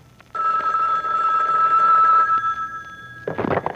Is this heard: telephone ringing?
yes